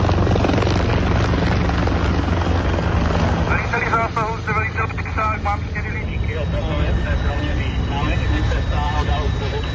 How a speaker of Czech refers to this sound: Letí nám sem vrtulník s bambivakem.